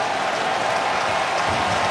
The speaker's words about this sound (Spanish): Escuchan los aplausos en el Progressive Field.